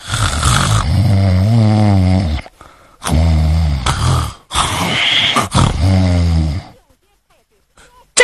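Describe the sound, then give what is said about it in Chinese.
A male storyteller loudly mimics the heavy snoring of the character Cheng Yaojin falling asleep, with several long, rumbling snore-like breaths in a row, forceful, separated by short pauses and trailing into quiet at the end. “净街太岁程老虎愣睡着了，这掌刑的赶紧禀报县的老爷，县太爷您瞧，这犯人他睡着了，把他叫醒了。”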